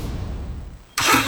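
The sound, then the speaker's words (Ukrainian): A low engine rumble idles for most of a second, then a sudden loud roar bursts in as the engine revs hard, with no speech. “Газуємо!”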